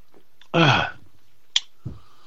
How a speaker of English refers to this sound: Oh, let me get a slurp.